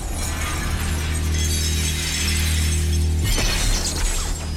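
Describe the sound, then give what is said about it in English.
A large glass observation window into a control room is smashed as someone charges through it, over a steady, loud low rumble as the testing room quakes. A sharp crash comes late in the sound, followed by bright scattering shards. No one speaks. “Her face contorted with rage, she smashes through the observation window into the control room.”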